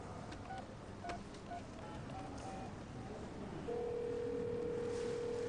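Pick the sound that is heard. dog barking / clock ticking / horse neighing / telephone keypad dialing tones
telephone keypad dialing tones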